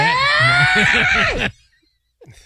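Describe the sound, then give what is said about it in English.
A woman screams loudly and shrilly for about a second and a half while tormenting a man, over a pulsing, groaning undertone, then cuts off abruptly into silence before a brief faint sound near the end. “Why did you say it in the cadence of that woman screaming while tormenting that poor man?”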